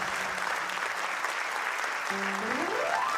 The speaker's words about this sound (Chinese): 谢谢，感谢感谢大家默默掌声，我拢有收到啊！